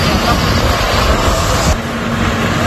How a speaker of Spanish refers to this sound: Escucha, mira el helicóptero donde está echando. La escena que escuchas es la de una columna de tractores que avanza intentando crear nuevos cortafuegos, pero ahora mismo ni por esas.